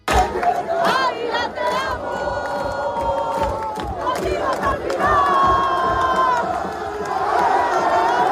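Thousands of Águilas football fans welcome the team bus at night, following it through the main streets of the coastal town after promotion to Primera Federación. They cheer and chant continuously, with loud overlapping shouts, whistles and rising sung tones at a steady, dense roar.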